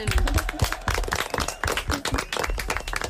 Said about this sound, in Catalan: Venga, venga. Muy bien, un aplaudiment.